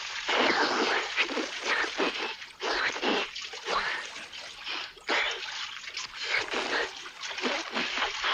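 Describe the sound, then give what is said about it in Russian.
Heavy splashing as an old man and two boys fall from above into a large swimming pool, water churning and sloshing in repeated surges for several seconds, fairly loud, with no voices. “Под ними проносится широкое шоссе, деревья и бассейн. Падают в воду.”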